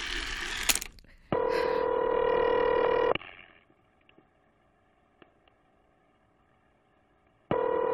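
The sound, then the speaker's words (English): A telephone being dialed to call the operator: a steady electronic line tone hums for a couple of seconds, then a stretch of faint clicks, before the tone abruptly starts again. No one speaks. “Call the operator again.”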